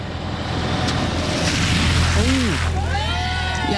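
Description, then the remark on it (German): A truck or other large vehicle rumbles past and sends a broad, sloshing rush of water spraying from a deep roadside puddle onto someone on the sidewalk, loud, with a low engine hum beneath and some voice-like tones toward the end. “Tiefe Pfütze am Straßenrand. Du bist auf dem Gehweg und ein LKW oder auch ein anderes großes Auto fährt da durch und macht dich nass.”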